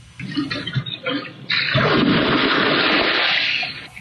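A mother bear splashing into a private backyard pond in California, caught on a security camera: a few scattered rustles, then a sudden loud rush of churning water that lasts a couple of seconds before tapering off. No one speaks.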